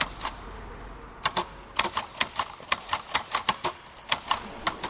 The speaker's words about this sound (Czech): uvnitř kostela klape psací stroj a u něj sedí Marie